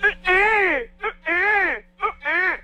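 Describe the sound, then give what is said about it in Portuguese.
A man's voice loudly imitates the ugly way he cried as a child, three drawn-out wavering wails broken by short hiccuping sobs, with a low steady hum underneath. “Choro feio da...”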